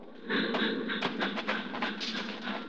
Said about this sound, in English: The train rolls by, slowing, and the crossing bell warns that death is here.